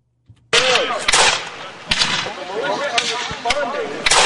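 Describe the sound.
Several sharp, loud gunshots crack out at irregular intervals over about four seconds, with voices shouting and talking underneath the volleys of gunfire, as local militia and British warships fight in a reenactment of the 1775 Battle of Gloucester at Stage Fort Park, Gloucester.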